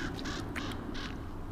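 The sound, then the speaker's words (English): Several harsh caws from hungry crows in quick succession, three or four raspy calls overlapping against a steady outdoor background hum, moderately loud, in winter beside a dead fox that an eagle is feeding on. “The hungry crows soon regain their courage.”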